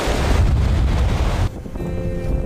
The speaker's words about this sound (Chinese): 但是随着我转过来，哎，可以看见我脚下的这个鹅卵石滩就连接着身后的灵山哈。当然这条小路现在已经被两侧的海浪给掩盖住了哈，白白的浪花让大海变得特别温柔。